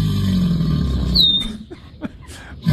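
Deep, throaty rumbling calls of two alligators at Lake Pond, beside a house on a golf course, fill the first second or so, then fade as a brief high bird chirp cuts through and a few soft clicks follow.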